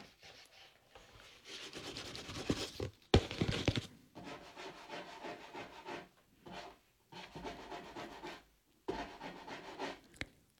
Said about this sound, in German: Was ist das? Plötzlich hört man ein Scharren.